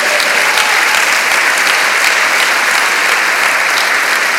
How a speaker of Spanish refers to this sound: ¿Puede dar un aplauso grande al Señor?